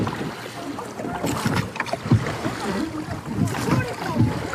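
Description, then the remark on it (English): The oars of a rowing boat on Loch Tay dip and pull through water in a steady rhythm of soft splashes and swishing strokes over a low rush of wind, with faint voices murmuring underneath; the boat moves smoothly as the starboard oars keep going. “We're now moving through the water very smoothly, I would have to say. And the starboard oars have kept going, so we're trying to avoid a jet ski that's moored up.”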